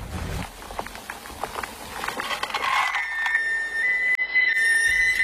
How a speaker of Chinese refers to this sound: 高速与高效的时代，在最短时间内完成最酣畅淋漓的体验，重庆人让极致的麻与辣沸腾在锅中。